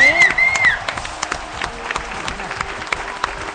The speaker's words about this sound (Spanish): Así que a todos, bien, un aplauso gigante.